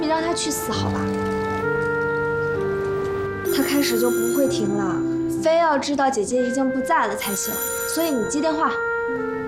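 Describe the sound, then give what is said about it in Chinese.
A telephone rings with a steady, tonal electronic ring that carries through the whole stretch, while voice-like sounds rise and fall over it in the second half. “他开始就不会停了，非要知道姐姐已经不在了才行，所以你接电话。”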